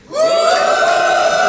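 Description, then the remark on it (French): An audience at a comedy show boos together on the comedian's invitation, in one long, steady drone that starts abruptly and holds loud and even for over a second, with no speech over it. “Ok, qui a envie de me huer ?”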